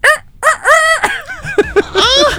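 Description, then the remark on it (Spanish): A person imitates a rooster crowing, a loud, strained cock-a-doodle-doo broken into several rising and falling squawky bursts over about two seconds. “Ese gallo mío está como al borde del...”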